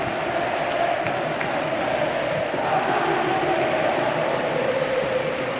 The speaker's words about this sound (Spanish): Porque la gente está cantando Santi, quédate. Escuchamos el sonido del Tartiere, así suena.